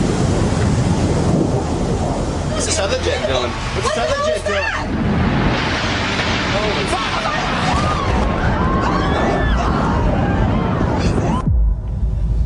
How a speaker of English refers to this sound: Looks like 6-7 floors were taken out. And there's more explosions right now. Hold on, people are running. Wait, hold on just a moment. We've got an explosion inside. The building's exploding right now. You got people running up the street.